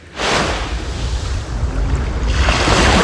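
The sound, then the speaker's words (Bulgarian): Steady rushing surf washes onto the shore of Butamyata beach, northern part, on the southern Black Sea coast near Burgas, a broad hiss of breaking water that swells again toward the end as another wave rolls in, with a touch of wind and no voices. “В северната част на плаж Бутамята туристите спокойно влизат в морето.”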